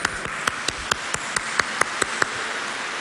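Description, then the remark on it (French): Applause from an audience for the word of God: a steady run of about a dozen sharp claps in an even rhythm, set over a soft, hissy wash of many hands, with no one speaking. “C'est magnifique la parole de Dieu, on l'applaudit encore.”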